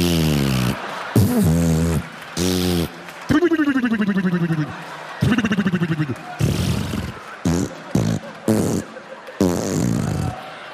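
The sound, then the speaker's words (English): A voice imitates a vaginal fart, as made during lovemaking with each forward thrust, over and over: about ten loud, buzzy, sputtering bursts with rising and falling pitch, separated by short gaps, with no other talking. “A pussy fart is like when you're making love to a woman who's got a little extra air in her vagina.”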